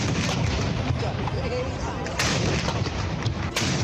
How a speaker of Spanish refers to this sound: Los ingleses por eso van a lanzar ya el día 4 de mayo un ataque con cuatro galeones remolcados con lanchas contra el castillo, a ver si consiguen tomarlo, pero el castillo se defiende muy bien, con su artillería, mosquetería, arcabucería.